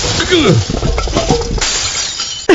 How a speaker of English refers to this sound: By the way, you didn't have to trash all my New Year's Eve jazz band instruments there. Rude.